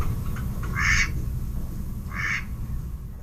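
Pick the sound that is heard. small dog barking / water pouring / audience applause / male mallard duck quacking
male mallard duck quacking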